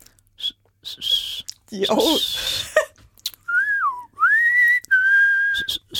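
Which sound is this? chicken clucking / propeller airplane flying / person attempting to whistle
person attempting to whistle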